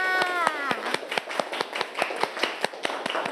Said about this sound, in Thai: ขอให้เด็กๆปลายทางรวมถึงเด็กๆต้นทางปรบมือให้กับตัวเองด้วยค่ะ